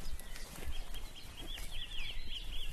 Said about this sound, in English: First wren, wasn't it? It was a wren, wasn't it?